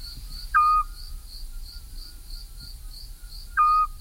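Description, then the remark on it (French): Two short, mellow whistled notes from a Eurasian scops owl, spaced about three seconds apart, over a steady, pulsing chorus of crickets chirping in the night. “Le charme des douces nuits printanières du midi, ce n'est pas seulement le chant fougueux des rossignols, c'est aussi cette flûte qui égrène sa note musicale et un peu plaintive dans les campagnes et autour des villages.”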